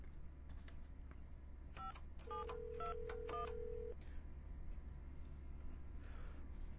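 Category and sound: signal or alarm, telephone number being dialed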